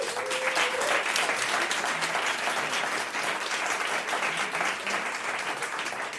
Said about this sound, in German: bitte großen Applaus.